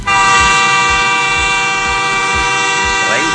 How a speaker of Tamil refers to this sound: அண்ணா, ரயில் சத்தத்தை ஃபுல்லாக கூட கேட்கல, அதுக்குள்ள ரயில் சத்தம் சொல்லிட்டீங்க.